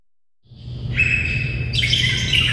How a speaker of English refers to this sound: The cacophony of bird sounds in the Vallum aviary has added a new voice, a 4-year-old Bali Mina, a bright white Indonesian songbird with black wingtips and blue around the eyes.